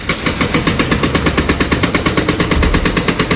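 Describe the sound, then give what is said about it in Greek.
A hydraulic breaker mounted on an excavator cuts the road at Syndika and Olgas during roadworks, pounding in a fast, steady hammering, loud and close, each blow sharp and evenly spaced over a low engine rumble. “Αυτή τη μύτη που είναι προσαρμοσμένη σε μια φαγάνα και κόβει το δρόμο ακριβώς Συνδίκα με Όλγας.”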